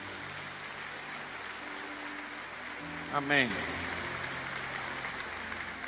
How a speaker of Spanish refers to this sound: Dele un aplauso al Señor por eso.